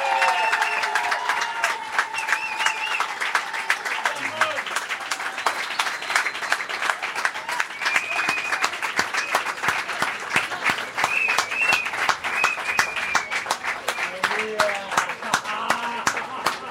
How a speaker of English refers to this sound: I think we'll let that applause speak for a bit. Incredible.